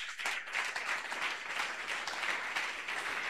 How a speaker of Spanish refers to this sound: Aplauso contento para Cristo Jesús.